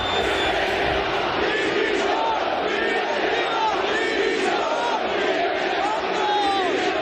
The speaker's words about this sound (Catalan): I l'afició del Mallorca va acabar molt indignada ahir amb crits de directiva dimissió.